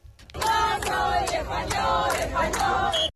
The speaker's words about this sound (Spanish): Entre aplausos y gritos de yo soy español, español, con una ministra de Defensa desatada reivindicando esa españolidad.